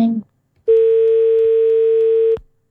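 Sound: telephone dial tone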